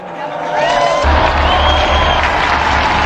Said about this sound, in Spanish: Unidos pues a todos los papas que dieron su vida por la Iglesia, brindemos nuestro sincero aplauso a San Calixto.